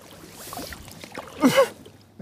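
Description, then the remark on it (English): A small boat drags and sloshes as it is pulled through the very muddy water of a former sewage treatment pond, with low gurgling throughout and a louder splashing surge partway through. “Hold on to the boat.”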